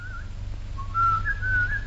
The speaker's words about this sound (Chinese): 然而口哨总还得轻快飘洒吧。